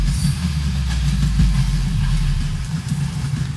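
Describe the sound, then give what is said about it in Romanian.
A train rolls past a railway crossing without barriers in cold weather in Suceava, with a steady, heavy low rumble and faint rattling, holding an even loudness throughout with no voices. “Ăsta merge la Putna, cred.”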